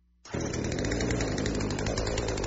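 A chainsaw, brought for plumbing work, roars to life abruptly and keeps running at a steady, loud, buzzing idle, with no voices over it.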